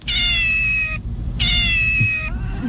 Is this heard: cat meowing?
yes